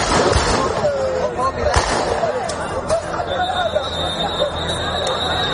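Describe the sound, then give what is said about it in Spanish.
Several sharp, loud gunshot bangs as National Police fire into the air to stop a rush by a group of people at the Loma Colmenar settlement in Ceuta, over a noisy, shouting crowd, with a whistle piercing through near the end amid the constant outdoor commotion. “después de que la Policía Nacional haya intervenido con disparos al aire para evitar una avalancha de un grupo de ilegales en el asentamiento de Loma Colmenar.”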